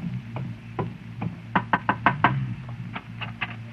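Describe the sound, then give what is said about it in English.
Knocking on a house door: a few spaced raps, then a quick run of five firm knocks, followed by a few softer ones, over a low background hum with no voices. “Here's the house. You wait here while I go knock.”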